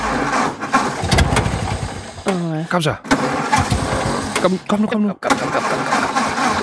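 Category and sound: vehicle, car engine cranking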